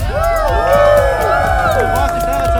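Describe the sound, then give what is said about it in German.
A crowd cheers loudly and continuously for the volunteer helpers, many voices whooping and shouting together over scattered, fairly light clapping, as most hold ice creams in their hands, with no break in the noise. “Die Helfer haben sich ein Eis verdient und die gaben einen riesengroßen Applaus, oder?”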